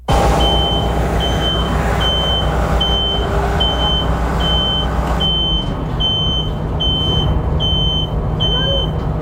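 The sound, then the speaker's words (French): A truck backs up, its reverse beeper sounding a steady, rapid series of high electronic beeps over a loud, continuous engine rumble. “Qu'est-ce qu'on entend, Jessica, ce camion-là qui recule?”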